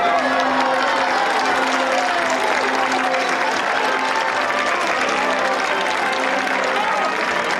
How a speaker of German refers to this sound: König Ansgar trat vor seine Untertanen und die Menschen jubelten ihm zu. Endlich sahen sie ihren König nach dessen langer Krankheit wieder.